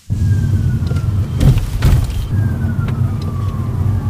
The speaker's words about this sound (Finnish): Etäältä lähestyvän hälytysajoneuvon sireeniä muistuttavat vinkaukset kuuluvat, kun jalan nostaa kaasupolkimelta. Citroen EC3 ottaa energiaa talteen.